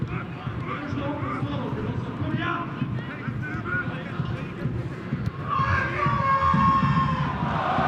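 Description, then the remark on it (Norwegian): A football crowd at a match between Glimt and Lillestrøm shouts from the stands, fans jumping up and waving scarves while the home team has the ball, in a dense, steady roar of many voices, swelling louder and more urgent toward the end with individual yells rising above the din. “Ropes fra tribun.”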